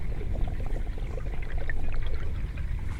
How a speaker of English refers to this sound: So the river sounds, I'd say I'd associate it with the sound of a breeze. The river speaks. You hear the waves, the roar of the wind in the leaves of the trees, the breeze in the reeds, a fragile sound, murmuring